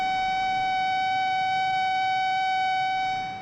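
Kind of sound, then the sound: signal or alarm, alarm siren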